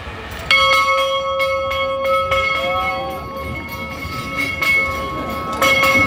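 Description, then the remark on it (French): A church bell rings out loudly at 9 a.m., struck repeatedly so its resonant tones hum on between strokes, with a fresh strong stroke near the end and no voices. “Je vous invite maintenant à faire silence pour essayer d'entendre retentir cette cloche.”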